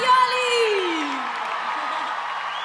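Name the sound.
audience applause and cheering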